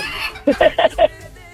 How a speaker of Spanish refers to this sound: Ya va por 1,000 y sigue el gallo.